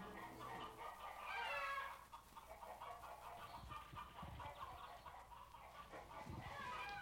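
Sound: chickens clucking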